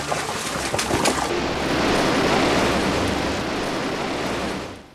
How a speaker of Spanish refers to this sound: Por ejemplo, este, ¿no? El sonido que cae el agua, que cae sobre un sombrero o paseando por un prado, escuchar con más nitidez el agua en un barco, por ejemplo.